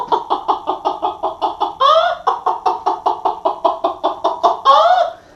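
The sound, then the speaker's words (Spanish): A hen cackles loudly, a fast run of clipped clucks twice building into a drawn-out, rising squawk, the familiar excited cackle after laying an egg, with no voices. “Ya como que puso la gallina, padrino, vea.”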